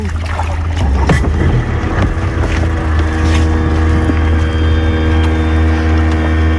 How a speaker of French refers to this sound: On va aller faire un petit tour de bateau sur le lac. En plus, il fait beau.